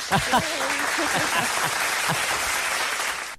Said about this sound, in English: And here we go. Applause.